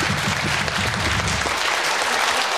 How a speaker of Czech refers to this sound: No jo, já slyším, že plácají oni i ty.